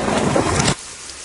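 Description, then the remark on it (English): A loud, steady roar of heavy rain pours down on a golf course in Cincinnati for under a second, then cuts off abruptly, leaving only a faint hiss. No voices are heard. “one dude off to the side under a tree, presumably trying to get shelter from the rain.”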